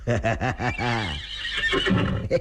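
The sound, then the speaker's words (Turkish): A horse whinnies loudly, a rapid series of high, quavering pulses that slide into a long wavering neigh and trail off with breathy snorts. “Senin şu yeleni tutmazsam, sağrını okşamazsam, at kokusunu duymazsam, ha?”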